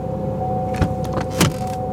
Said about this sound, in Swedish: Mamma satte sig bakom ratten och startade bilen.